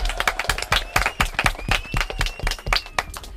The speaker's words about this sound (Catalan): Uau! Vinga, un aplaudiment!